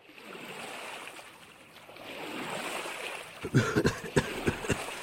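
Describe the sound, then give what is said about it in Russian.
A boat is untied, then scrapes as it is shoved into the water, followed by a run of sharp splashes and sloshing knocks over a steady background of moving water. “отвязал лодку и столкнул ее в воду.”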